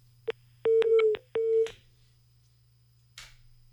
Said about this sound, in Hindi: नहीं हुई बात, कट गया फोन।